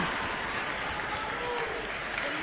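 An audience claps steadily, a dense, even wash of many hands that holds at a constant loud level from start to finish, with no voices standing out.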